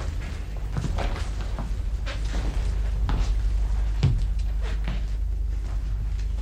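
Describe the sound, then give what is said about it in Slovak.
Heavy stones are moved away from a door and set down beside it, giving a series of irregular dull thuds and knocks over a steady low rumble with no voices. “A teraz už začali odkladať kamene pri dverách.”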